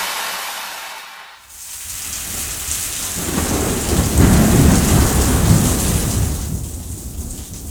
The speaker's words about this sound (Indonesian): Lihat itu air di selokan sudah mulai meluap. Mana hujan gak berhenti berhenti lagi.